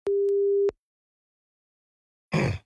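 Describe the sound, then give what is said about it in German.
A single steady, mid-pitched ringback tone of an outgoing phone call sounds for well under a second, followed by silence and then a short, noisy burst at the very end. “Es läutet.”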